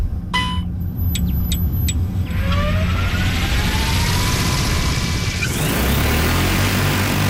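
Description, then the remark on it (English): A few quick electronic beeps, then a large agricultural spray drone's motors whine upward in pitch and its rotors build into a loud, steady roar as it takes off to spray water over a field as a demonstration. “only spraying water to demonstrate what the drone can do.”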